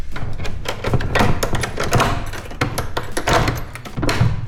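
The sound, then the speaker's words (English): An iron key rattles and scrapes in a lock, followed by a series of metallic clicks and clunks as a heavy door to an old wood workshop upstairs in a museum is unlatched and pushed open. “I have to take the key. Magic key. Iron key.”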